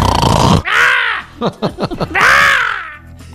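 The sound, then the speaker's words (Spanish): A voice loudly imitates snoring: two long, harsh, rasping snores separated by a quick run of short choppy snorts and grunts, with no talking. “Para impresionarte en la cama, chiquita. Con ay, mis ¿verás? Ronquidos. Sí, ay, con mis ronquidos.”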